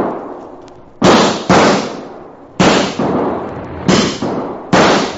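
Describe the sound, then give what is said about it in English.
A run of about seven loud gunshots fired to run coyotes off, crackling and sharp, fired in rough pairs with short ringing tails between them. No voices. “But not too late to run those coyotes out of there with lead.”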